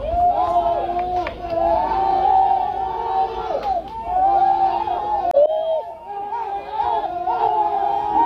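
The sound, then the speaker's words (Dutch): A crowd of rescue workers outside a cave in Laos cheers loudly on hearing that five men trapped in a flooded cave were found alive. Many raised voices whoop and shout over one another in a sustained roar that rises and dips briefly for about eight seconds. “Ja, luid gejuich, maar de zoektocht is nog niet voorbij.”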